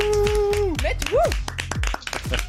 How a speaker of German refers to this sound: Den Applaus hast du verdient.